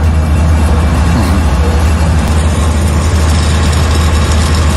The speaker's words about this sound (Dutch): Generatoren. Heel de straat staat vol. Alle restaurants zijn open, alle winkels zijn open. De mensen moeten overleven, maar er is geen elektriciteit. Dus elke winkel, elk restaurant heeft een generator buiten staan.